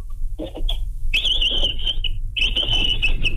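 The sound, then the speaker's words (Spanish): A 49-year-old man imitates a capybara call with high, thin, whistle-like squeaks from his throat: a few short chirps, then two longer, wavering tones, loud and steady, with no speech. “Pues son un pequeño sonido que me sale de ahí de la garganta.”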